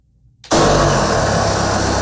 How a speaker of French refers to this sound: Avec une scie, un travailleur portant du caoutchouc de la tête aux pieds s'attaque à une immense cuve blanche. Un liquide brun, gluant et surtout nauséabond commence à s'écouler du bac, inondant le plancher de l'ancienne usine.